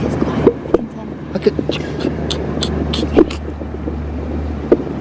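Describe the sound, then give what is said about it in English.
Quiet, irregular rustling and scratchy clicks, most likely insects moving about underground in soil, picked up by a probe pushed into the soil, scattered over a steady low rumbling hum, with a few sharper crackles standing out. “And hopefully, very quietly, you might be able to hear some of the sort of rustling, quiet rustling noises.”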